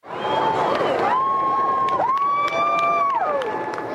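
A crowd at the legislature in central Edmonton, Alberta, cheers and shouts loudly for four seconds during ceremonial flyovers by the Canadian Forces Snowbirds military flight team, while a sustained high whine of the passing jets holds steady, dips and rises in pitch above the noise.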